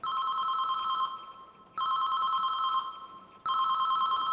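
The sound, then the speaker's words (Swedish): A mobile phone rings in a stairwell, its steady electronic tone repeating in three bursts with short gaps, echoing slightly. No one speaks. “En telefonsignal ekar i trapphuset. Det är Alfons mobil som ringer.”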